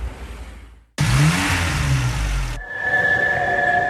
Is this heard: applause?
no